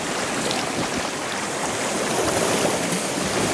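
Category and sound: nature, calm ocean waves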